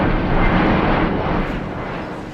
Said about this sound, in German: Der Blick in den Himmel von Delhi vermittelt derzeit noch ein anderes Bild. Tag und Nacht kann man annähernd im Minutentakt Flugzeuge beobachten und hören.